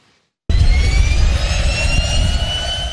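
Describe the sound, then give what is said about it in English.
Loud, steady aircraft engine drone from inside Merlin Labs' experimental Cessna Caravan in flight, flown by artificial intelligence, a deep rumbling roar with a high whine layered on top, starting abruptly after a brief silence. “I'm in the co-pilot seat of a Cessna.”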